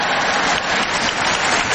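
A crowd applauds in a steady, dense wash of clapping that stays fairly loud and even throughout, with no voices standing out.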